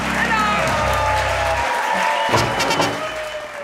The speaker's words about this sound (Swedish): Jubel och applåder för Hans Rosenfeldt och På minuten.